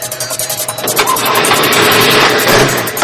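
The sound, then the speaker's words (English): A car engine cranks briefly with a rhythmic starter whir as the car is hot-wired and the key is tried, then catches and roars into a steady, loud running rumble. “I'm hot wiring the car. Try the key.”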